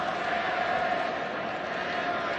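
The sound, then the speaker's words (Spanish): A stadium crowd at a football match chants a song in a steady, dense roar, with a sustained sung tone running through the mass of voices at an even, loud level throughout. “Oh, ¿por qué están gritando esa canción?”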